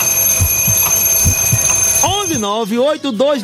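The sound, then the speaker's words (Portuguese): An alarm clock goes off partway through with a loud, warbling electronic tone that rises and falls in quick repeated bursts, following a steady background hum and a few soft thumps. “Põe lá o despertador.”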